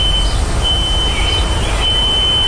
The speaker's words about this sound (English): And that is the nearby smoke detector that is still ringing,